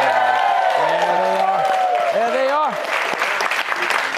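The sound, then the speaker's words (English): The studio audience of Fox News Saturday Night in New York City applauds loudly and steadily, with shouts and rising whoops of cheering mixed into the dense clapping throughout. “How about this crowd?”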